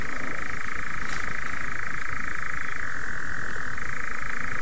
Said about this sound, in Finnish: Kello on kuitenkin 2:34 ja en ole näin komeata viitasammakon kurnutusta kuullutkaan hetken.